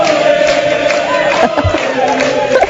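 A crowd of Quebec Liberal supporters cheers and shouts loudly and continuously, a dense wash of many voices with a few higher whoops rising above it, steady throughout.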